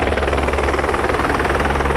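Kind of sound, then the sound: vehicle, helicopter rotor noise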